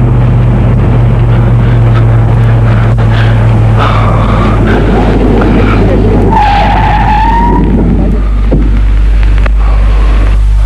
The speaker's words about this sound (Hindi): क्या हुआ विक्रम, तुम अचानक रुक क्यों गए? तुमने तो गाड़ी भी बंद कर दी।